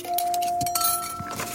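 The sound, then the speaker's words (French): A spoon clinks several times against a cup or glass in a house, each light metallic tap followed by a sustained bright ringing tone, clear with no talking. “La cuillère fait.”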